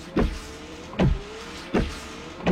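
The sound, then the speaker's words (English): Rain-X windshield wiper blades sweep across a car windshield in a steady rhythm, four motorized swipes spaced under a second apart, each a rising whir with a soft thump, over a low hum. No one speaks. “It's Rain-X Wiper Blades.”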